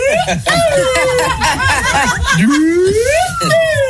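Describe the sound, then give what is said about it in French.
A small toy pipe flute plays close and fairly loud, its thin notes wavering, dipping and then sliding upward, while people chuckle and chatter underneath. “Mec, c'est une flûte, ça. Ah oui, c'est un petit pipeau, là.”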